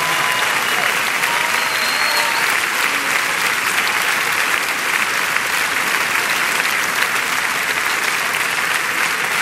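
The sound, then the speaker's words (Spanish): An audience claps steadily and loudly for several seconds for the Lord in worship at night, a dense, continuous wash of many hands with a faint murmur of voices underneath. “Con ese aplauso levanta tu voz y adórale.”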